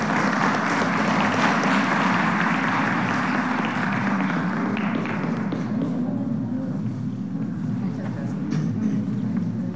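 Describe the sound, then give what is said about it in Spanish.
A crowd applauds steadily, a dense wash of clapping that stays loud throughout, with some thumps and indistinct voices mixed into the noise before it thins slightly toward the end. “Les damos un aplauso y una foto, vénganse.”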